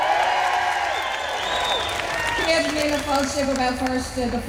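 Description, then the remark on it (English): A large outdoor crowd cheers and claps steadily at an afternoon opening ceremony at City Hall in Belfast, with scattered whoops and shouted voices rising above a continuous roar that holds its loudness throughout. “Belfast is certainly buzzing today. Can I hear that from the crowd?”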